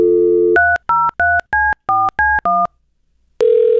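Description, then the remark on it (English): A steady telephone dial tone gives way to a quick run of eight touch-tone dialing beeps in an even rhythm, followed by a pause and then a ringback tone, all clear with no talking, as a phone call is placed. “It is also National Smarties Day, and I'm not talking about this phone call.”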